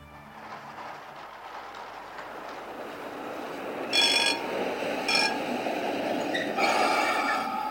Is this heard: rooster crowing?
no